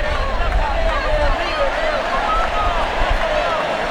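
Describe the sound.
A huge stadium crowd applauds and chants "Messi, Messi" in unison as Messi leaves the pitch with arms raised for the dressing room, in his last appearance in the Argentina national team shirt, a dense, steady wall of voices that stays loud for the whole four seconds.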